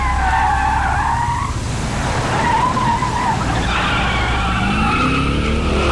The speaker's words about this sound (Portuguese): Chefe está derrapando.